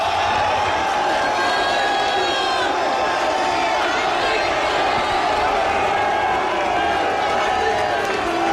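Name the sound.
stadium crowd ovation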